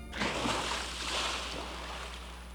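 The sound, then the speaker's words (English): A sudden rush of cold water pours and splashes, drenching a person's head and violin, starting abruptly and settling into a steady watery wash that slowly eases off, with no voices. “Suddenly, my happiness, my head, and my violin are drenched with cold water.”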